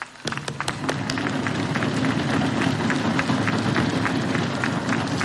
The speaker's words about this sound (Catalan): Però els aplaudiments no els escatimarem.